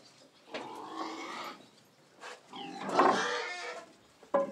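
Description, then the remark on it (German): Pigs on a farm in the Spreewald, Germany, grunt and squeal in several rough, harmonic bursts as their pen is mucked out and they are let outside into the sun: one long call, a short one, then a louder, drawn-out squeal and a quick final snort, with no talking over them. “Schweine mögen es sauber.”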